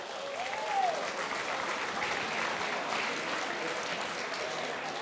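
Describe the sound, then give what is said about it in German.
A crowd claps steadily for several seconds, a dense, even wash of hand claps at moderate volume, with a faint whistle rising briefly near the start. “Das ist ein Applaus wert.”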